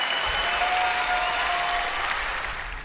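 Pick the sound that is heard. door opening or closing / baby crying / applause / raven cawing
applause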